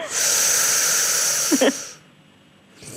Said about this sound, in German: Also jetzt liege ich und jetzt muss ich... Jetzt atmen Sie mal ein.